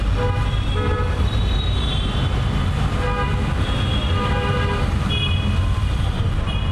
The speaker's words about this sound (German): Wir befinden uns in einer der größten Städte Bangladeschs, wo ich erstaunlich lange gebraucht habe, um durch eine der schlimmsten Verkehrssituationen der Welt zu unserem Treffpunkt zu gelangen.